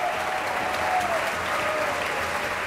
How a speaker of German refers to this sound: Anhaltender Applaus jetzt für den Dirigenten und für das Orchester, das sich im Graben erhoben hat,